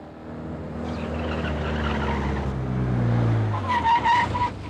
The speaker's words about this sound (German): Der Wagen hat anscheinend einen frisierten Motor. Tempo über 140, Farbe rot, Kennzeichen 2x Heinrich, Heinrich Siegfried 945. Fahrtrichtung Stadt auswärts.